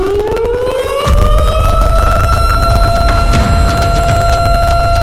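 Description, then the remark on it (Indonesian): A loud disaster warning siren winds up from a low pitch and settles into a steady, sustained wail with rich harmonics, over a constant low rumble. No one speaks. “Yap, alarm bencana.”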